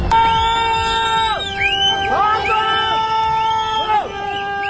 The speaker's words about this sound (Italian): Urlano, fischiano, si disperano gli abitanti di un villaggio in collina. Da quell'altezza vedono arrivare la piena.